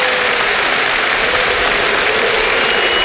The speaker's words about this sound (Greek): Χειροκρότημα από τον κόσμο εδώ. Απίστευτο. Απίστευτο.